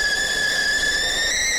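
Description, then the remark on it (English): A kettle heated to make a cup of tea whistles steadily, a shrill sustained tone with a few layered pitches held at a constant loud level, with no talking over it. “She is whistling away.”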